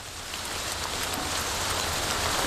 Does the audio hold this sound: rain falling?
yes